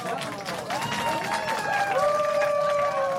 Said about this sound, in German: Ein Applaus für das.